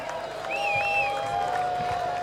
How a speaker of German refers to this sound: Klopfi am Mischpult, ein Riesenapplaus für den Klopfi, bitte!